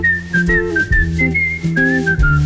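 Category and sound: human body sound, person whistling a tune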